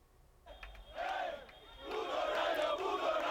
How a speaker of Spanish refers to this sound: Y la afición del Rayo se ha echado a las calles tras el pitido final. Miles de personas disfrutan del triunfo de su equipo, que alcanza la histórica final que se va a disputar en Leipzig. La alegría se ha desbordado